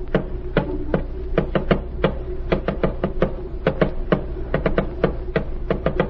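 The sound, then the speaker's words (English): Sharp, close taps rapped out in quick irregular bursts and pauses, like a coded message being tapped, repeating steadily for several seconds over a low constant hum with no voices. “Tap it out.”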